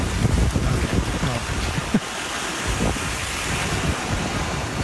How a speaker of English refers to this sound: Guess it's not the beach, technically. What was the beach? Well, it's the ocean. The beach doesn't make any noise.